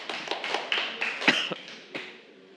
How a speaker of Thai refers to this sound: ถูกต้องไหมครับถูกต้องขอเสียงปรบมือให้กับตัวเองหน่อยนะครับ